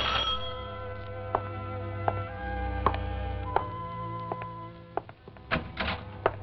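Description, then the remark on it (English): A doorbell rings with sustained, layered metallic tones, punctuated by several sharp clicks or thunks at irregular intervals. No one speaks. “This morning, while I'm cleaning down the stairs, who do you think should ring my bell?”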